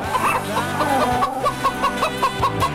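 chickens clucking

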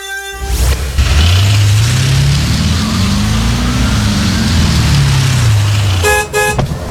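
car engine running

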